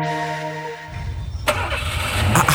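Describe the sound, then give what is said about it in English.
A car engine cranks with a whining starter, then catches and turns over into a loud, rough rumble that keeps running, with no one talking. “did you buy a new car?”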